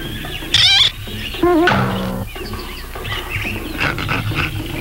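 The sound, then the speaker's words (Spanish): A man, the cartoon character Brutus from Popeye wearing a gorilla suit, imitates a gorilla's roar in two loud bursts, first a shrill wavering cry, then a longer throaty bellow, followed by a busy clatter of background noise. “Suenas como de verdad, Brutus.”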